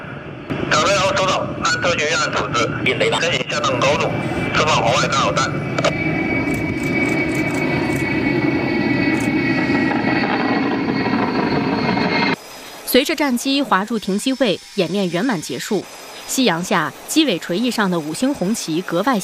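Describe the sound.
A Chinese military aircraft roars down a runway at a Central Theater Command Air Force airfield during a multi-aircraft emergency sortie drill with Y-20A, Y-20B and YY-20 aircraft, a loud steady rush with a high engine whine, for about twelve seconds before it cuts abruptly to people talking.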